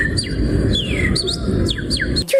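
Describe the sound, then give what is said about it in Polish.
A person whistles an imitation of birdsong: a quick series of high chirps and downward-sweeping tweets over a steady low rumble, ending with a short sharp call. “Kto mógłby nas reprezentować jako trójkę w konkursie na udawanie ptaków?”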